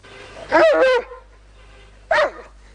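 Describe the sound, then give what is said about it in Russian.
A dog growls in two short, tonal bursts, one about half a second long and a briefer one after a pause, with no one talking. “Что ты рычишь? Ну что ты рычишь?”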